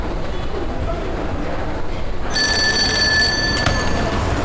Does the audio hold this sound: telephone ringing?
yes